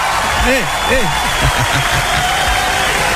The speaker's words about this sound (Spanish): Abrazo para todos los chiquillos para que están en la locomoción colectiva, ¿cierto? Para eso, un gran aplauso ahí.